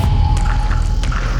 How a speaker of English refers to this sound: Bubbles rush past.